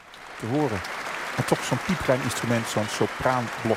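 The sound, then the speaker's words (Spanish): Steady, enthusiastic applause fills the large hall of the Concertgebouw, a dense wash of clapping from a big audience after Lucie Horsch's recorder performance of a work originally written for oboe, while a man's voice speaks clearly over it. “Continuaban los aplausos entusiastas en esa gran sala del Concertgebouw para la increíble y virtuosa interpretación de Lucy Horsch a la flauta de pico de una obra en origen escrita para oboe.”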